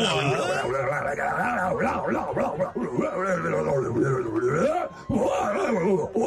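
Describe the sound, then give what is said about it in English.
A man's voice imitates a full moon howl, drawn-out wailing and moaning tones that slide up and down in pitch, loud and continuous, with one brief break before resuming. “Can you hear a little full moon howl?”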